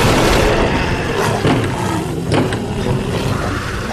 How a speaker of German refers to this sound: Irgendwas bricht durch die Tür!